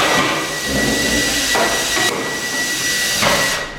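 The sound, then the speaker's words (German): Hammering during a complete gut renovation of new premises, done by the association's own members: a few spaced, sharp blows ring out over a steady, hissing background of work noise, fairly loud, with no one speaking. “wir renovieren komplett selbst. Die komplette Räumlichkeit wird jetzt eigentlich kernsaniert durch uns.”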